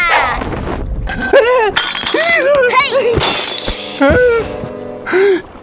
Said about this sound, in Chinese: 古董全摔碎了